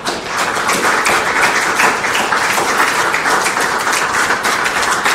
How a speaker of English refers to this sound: And I want to give our principals and teachers and support staff a round of applause.